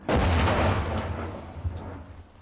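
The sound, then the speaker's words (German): Heavy gunfire booms out in a rapid, continuous burst, loud, with deep rumbling blasts layered over one another and a lingering roar as the shots trail off. “10 Schüsse, mehr sollte er nicht abfeuern können.”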